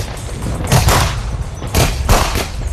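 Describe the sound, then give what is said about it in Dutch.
Fireworks bang in a rapid burst of sharp explosions, several loud cracks and booms clustering together over a rumbling low background, with no voices heard. “Dat is straks op 31 december niet meer het geval. We mogen dus geen vuurwerk meer afsteken.”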